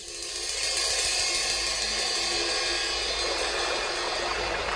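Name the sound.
flowing river water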